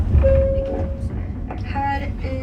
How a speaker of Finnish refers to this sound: Mä halusin kuulla lisää tästä aiheesta ja otin junan Lundiin, Etelä-Ruotsiin